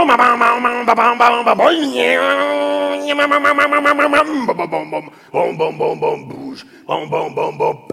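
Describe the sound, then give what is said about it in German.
A voice imitates a two-stroke chainsaw cutting through material as a tree falls: a buzzing, harmonic-rich drone with rapid pulsing, a rising rev, a sustained high whine, then choppy sputtering bursts as it idles and revs again. “Das war die Zweitakter-Kettensäge.”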